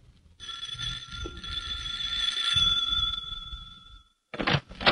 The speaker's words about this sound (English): On the way home, they stop at Amelia's house. As we join them, Jack is ringing the doorbell.